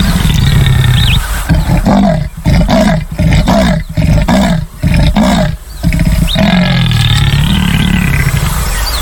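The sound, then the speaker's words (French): A jaguar roars in a loud, rhythmic run of deep, rasping grunts, each burst sharply separated, with a sustained growling tone before and after. No one speaks. “Ce poids lui vaut la troisième place dans la liste des plus gros félins, après le lion et après le tigre.”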